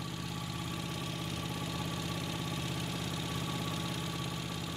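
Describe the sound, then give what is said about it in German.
A steady, rumbling motorboat engine runs without a break, its low rhythmic chugging and broad mechanical hum continuous throughout, as a hobby hunter steers the boat toward the island of Ziegelwerder. “Das Boot ist noch dasselbe, aber die Ausrüstung hat er gewechselt.”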